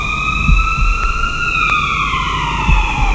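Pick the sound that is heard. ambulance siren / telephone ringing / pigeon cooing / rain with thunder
ambulance siren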